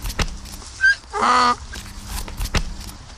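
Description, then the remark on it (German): A single loud, raspy donkey bray bursts out briefly, rich and harmonic, surrounded by a few sharp knocks and clatters in an otherwise quiet setting. “Der lange Strich ist ein I und das Dach mit dem Strich in der Mitte soll sicherlich ein A sein.”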